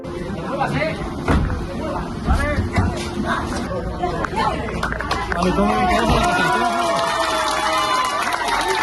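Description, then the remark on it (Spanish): Neighbours in Motilla del Palancar shout and call out over one another as the Guardia Civil put one of the detainees into a car during a large police operation on a Tuesday, a steady, agitated hubbub with occasional sharp cries and a thud rising above the noisy babble throughout. “Escuchan el momento en el que la Guardia Civil introducía en el coche a uno de los detenidos en el fuerte despliegue policial llevado a cabo en Motilla del Palancar el pasado martes y la reacción de los vecinos al presenciarlo.”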